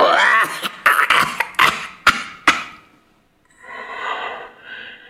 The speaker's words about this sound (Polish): A to jej kaszel.